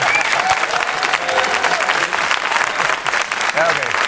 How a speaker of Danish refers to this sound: Kan vi ikke lige give ham lidt bifald?